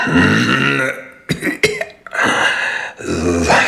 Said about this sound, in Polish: To mój kaszel.